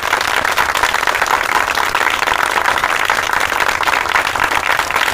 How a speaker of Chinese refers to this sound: 掌声欢迎。